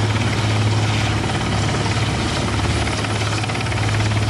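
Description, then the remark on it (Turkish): A helicopter runs steadily during a joint Turkish and Northern Cyprus search and rescue exercise in Girne, its engine whine and rotor chop forming a loud, continuous drone with a strong low hum throughout, and no voices. “Tatbikat uyarınca Türkiye'den destek istenmesi üzerine arama kurtarma uçakları, helikopterler ve termal kameralarla donatılmış insansız hava aracı bölgeye sevk edildi.”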